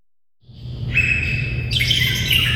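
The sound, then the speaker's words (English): A dense chorus of many birds chirping and tweeting at once in the Vallum aviary at the Oregon Zoo, overlapping high calls building quickly over a low background rumble, fairly loud, with no voices. “The cacophony of bird sounds in the Vallum aviary has added a new voice, a 4-year-old Bali Mina, a bright white Indonesian songbird with black wingtips and blue around the eyes.”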